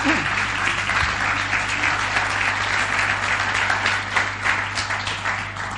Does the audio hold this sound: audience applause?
yes